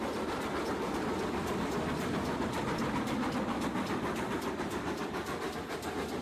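A train rolls steadily along the rails, a dense, continuous rumble with faint rhythmic clacking running through it, fairly loud throughout, with no voices.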